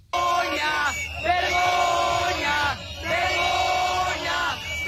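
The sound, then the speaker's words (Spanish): A crowd of protesters gathered inside the Consejería shouts loudly in unison during police charges and eviction, their voices rising in sustained, chant-like bursts separated by brief pauses, with no other sounds breaking through. “Además, también hubo tensión dentro de la Consejería con cargas y el desalojo de los concentrados que gritaban.”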